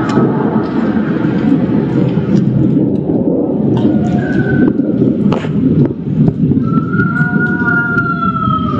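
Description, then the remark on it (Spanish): An eerie, high wailing cry rises faintly out of heavy rumbling background noise, heard once briefly and again in a longer drawn-out wail toward the end, sounding distant and siren-like. “una persona saca su teléfono y graba que se escucha a lo lejos, ¿no? Un sonido bastante escalofriante, ¿no?”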